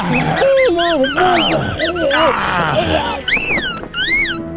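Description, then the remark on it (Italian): A rubber chicken being shoved into a man's mouth squeaks loudly over and over, a rapid string of shrill, wavering squawks that swoop up and down in pitch, ending with a few longer, higher wails. “cercando di soffocarlo, infilandogli in bocca un pollo di gomma.”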